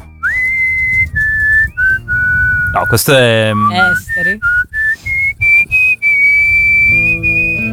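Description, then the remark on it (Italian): A person whistles a melody, holding clear sustained notes that step up and down in pitch, with a brief spoken interruption partway through. “Io non so fischiare, quindi non posso...”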